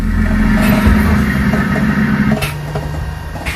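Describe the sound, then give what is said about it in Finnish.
The engine of Lahti's library bus Saaga, back in service after a long repair, runs steadily with a continuous low rumble and droning hum, joined by a couple of faint clunks toward the end; no one speaks. “pääsin kirjastoauton kyytiin pitkän korjaamokäynnin jälkeen”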